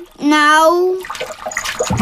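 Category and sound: household object, water splashing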